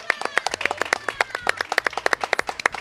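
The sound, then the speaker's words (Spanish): Applause from a group for travelers visiting the city of Oaxaca: a steady, dense patter of overlapping claps at a moderate level, with a few sharper claps standing out. It lasts about three seconds with no voices. “Oaxaca, por favor, aplausos a todos los viajeros.”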